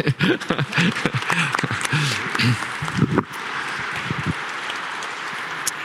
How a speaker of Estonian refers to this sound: Ja nüüd me tõuseme ja teeme ühe suure aplausi.